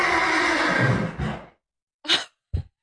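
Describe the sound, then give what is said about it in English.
During a horse rescue, a horse whinnies loudly for over a second, its call shaking and trailing off, followed after a brief silence by two short, breathy snorts. “That is the dirtiest sounding horse rescue I've ever heard.”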